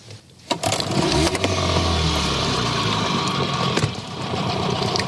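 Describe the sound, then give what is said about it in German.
A boat motor starts and runs loud and steady, its low drone rising briefly in pitch as it revs, with some splashing or scraping noise over the engine, as the boat reverses slightly to free a snagged eel trap while eel fishing. “Also die Reuse hängt fest, Motor an und ein bisschen rückwärts fahren.”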